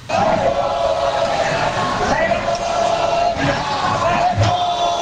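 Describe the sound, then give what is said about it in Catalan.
A large protest crowd shouts in unison as politician Míriam Nogueras speaks at the lectern of the Congress, a loud, sustained wall of massed voices chanting "shame" with steady intensity and a few surges throughout. “Crits de vergonya”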